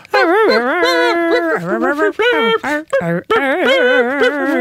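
A female puppy, one of six born on a bed in Mitzpe Ramon, whimpers and howls in a string of loud, high-pitched cries that waver up and down, with only brief pauses between them.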